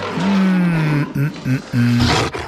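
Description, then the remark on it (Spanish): A deep, rumbling big-cat roar, loud: one long drawn-out growl followed by several shorter grunting bursts, ending in a harsh breathy snarl. “A los alumnos, a ver vos, si estás en la selva y escuchás un rugido, ¿qué pensás que es?”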